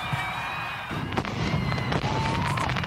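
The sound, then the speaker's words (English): Fireworks crackle and pop in a steady rush at dusk at Columbus Field, with whistling streaks rising through the bursts and a dense, noisy backdrop like a crowd outdoors. “Performances begin at 7, followed by fireworks at dusk.”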